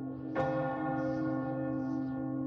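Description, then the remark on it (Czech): A church tower bell strikes midnight, a deep clang that blooms into a long, steady humming resonance of layered tones. No voices are heard. “z kostelní věže bije půlnoc”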